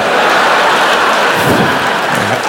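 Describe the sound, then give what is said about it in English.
A hailstorm sound effect: a loud, dense, continuous clatter of hailstones pelting down, steady throughout with no voices. “I came up with my own expression. I like to make it hail.”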